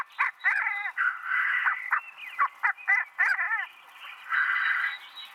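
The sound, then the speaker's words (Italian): Black grouse males call at a lek, a singing arena where they gather from dawn in the mating season to compete for females: warbling, bubbling notes mixed with sharp bursts, several birds overlapping in a steady, continuous chorus, with no talking. “Dalle prime ore dell'alba, i maschi si radunano nelle arene di canto, dove si affrontano in epiche battaglie canore, talvolta anche fisiche, per conquistare le femmine e garantire la continuazione della specie.”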